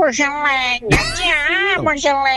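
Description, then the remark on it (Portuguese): A cat named Geleia meows several times in close succession, loud, with long drawn-out rising and falling cries and a brief gap between calls. “Gatinho Thundercat? Ô, Geleia. É igualzinho.”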